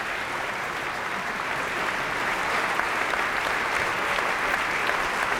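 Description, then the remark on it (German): Sustained applause from a theatre audience at the Staatstheater Nürnberg as the ensemble, the standing orchestra and conductor Roland Kürtig bow on stage, a continuous crackle of many hands clapping at an even loudness throughout, with no voices standing out. “Applaus für den Dirigenten Roland Kürtig.”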